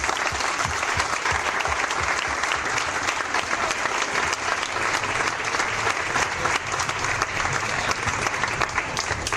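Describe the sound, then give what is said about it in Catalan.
Sustained applause from an audience for Blai, their absent former teacher, a dense, steady wash of many hands clapping at a loud, even level throughout, with no pauses or speech rising above it. “I des d'aquí, encara que no hagi vingut, li volem donar les gràcies públicament i li volem demanar un fort aplaudiment per ell.”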